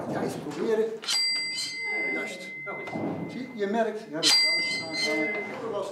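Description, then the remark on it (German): Two bright strikes of the old carillon bells in the tower of St. John's Cathedral ring out a few seconds apart. Each leaves a clear metallic tone that hangs and fades, heard beneath a person talking steadily throughout. “Aber vorher gibt's noch mehr zu sehen. Die alten Glockenspiele.”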